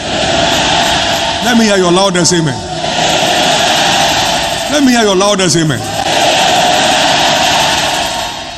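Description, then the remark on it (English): A loud audience roars and shouts amen over a steady wash of crowd noise, with two big swelling cries, each rising and then falling in pitch. “Let me hear your loudest amen.”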